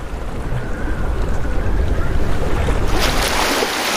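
Wind-driven sea swell rushes steadily and loudly as wind blows over the sea and the water rises and falls regularly, a dense roar of open water and gusting wind with a brighter surge of waves washing through near the end. No voices.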